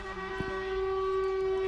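A horn blares in one long, unbroken blast, steady in pitch and fairly loud, over a low outdoor rumble, with no talking.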